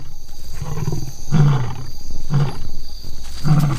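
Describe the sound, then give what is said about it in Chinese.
Two male lions roar and snarl as a warning to a young, inexperienced lioness approaching while they feed, deep rumbling bursts rising in repeated loud surges about once a second, with continuous growling between them and no talking. “两头雄狮可以轻而易举地杀死雌狮，不过拍击和咆哮可以起到警示作用。”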